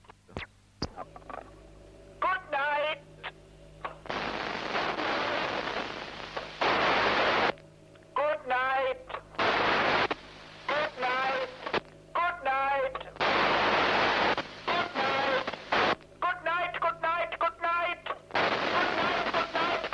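A radio operator's voice speaks in short 2.5-second bursts, each followed by a faint, distorted echo reflected off the moon, its strength varying with the moon's slight wobble and its pitch shifted by the Doppler effect, buried in loud hissing static, alternating back and forth throughout.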